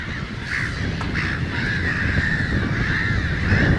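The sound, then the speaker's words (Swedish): A black-headed gull colony on a small marshy islet in a lake calling, with many harsh, overlapping cries merging into a continuous loud chorus over a low rumbling background, with no one speaking. “Och därför bildar skrattmåsen sådana här kolonier med 1000, 2000, 3000 fåglar.”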